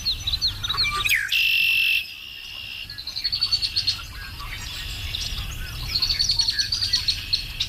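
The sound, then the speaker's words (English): Several birds, such as red-winged blackbirds and whippoorwills, sing outdoors in the rural Ontario wilderness, a string of bright chirps and high trills, with bullfrogs, a steady insect-like buzz and a low, rumbling wash of nature ambience underneath. “I missed the sounds of the rural Ontario wilderness, you know, the red-winged blackbirds in the morning and the whippoorwills and the bullfrogs.”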